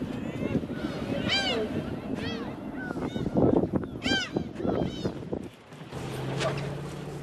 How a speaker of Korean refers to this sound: 선장도 선원도 속상하기는 마찬가지인데요. 타는 속도 모르고, 갈매기만 신이 났습니다.